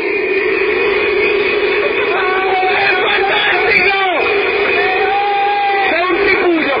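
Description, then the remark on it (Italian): A loud, continuous crowd roar of cheering and clapping, with rising whoops and shouted yells cutting through the steady wash of noise for the whole stretch. “Applaude.”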